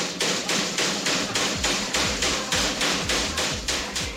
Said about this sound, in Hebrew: איזה פטיש זה? זה היה קונגו נראה לי.